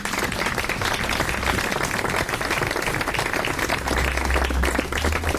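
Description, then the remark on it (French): An audience claps steadily and densely for the whole stretch, a thick wash of many hands, with a low rumble joining toward the end, applauding two musicians of a professional chamber music ensemble as they appear on stage. “Et c'est un ensemble professionnel de musique de chambre que j'ai l'honneur de co-diriger avec 2 musiciens qui vont apparaître très vite sur la scène et que vous pouvez applaudir.”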